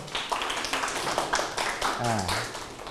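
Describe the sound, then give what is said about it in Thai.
A group of students claps for a classmate for a few seconds during a lesson, a dense, steady patter of hands at moderate volume, with a brief voice rising underneath near the end. “ก็คำนึงถึงเรื่องความปลอดภัยกับชีวิตปรบมือให้เพื่อน”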